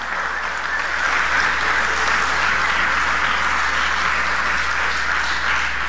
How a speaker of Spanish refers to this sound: Denle un aplauso al Rey de la Gloria.